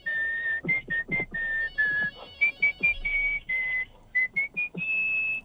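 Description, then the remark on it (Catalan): A person whistles a lively tune, a string of clear, sustained notes with short breaks between phrases, shifting pitch in a bouncy rhythm, with no one talking. “Però xiula algo, va. El bequetero, si voleu.”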